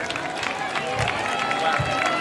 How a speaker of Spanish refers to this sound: Ese aplauso muy, muy fuerte para 957, 957, que es el prefijo de aquí.